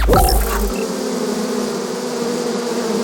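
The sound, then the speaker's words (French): A dense, steady hum of a huge swarm of thousands of bees, a continuous droning buzz with no voices, opening with a brief louder rush before settling into an even drone. “François, vous mettez des abeilles dans l'oreille, là. Oui, des milliers d'abeilles, rien que pour vous et pour éviter que des éléphants ne s'invitent dans ce studio.”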